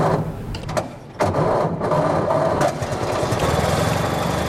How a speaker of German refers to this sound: Nach einer kurzen Schrecksekunde springt er doch an. Der Motor des Oldtimers Avis 3. Stolze 100 Jahre alt, aber kein bisschen rostig.